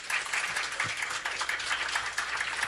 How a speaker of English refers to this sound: Let's give them a wonderful round of applause.